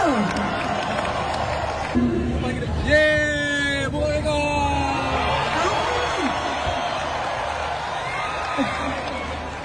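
A large crowd claps and cheers in a steady, dense roar, with high shouts and whoops rising above it for a few seconds before the applause carries on.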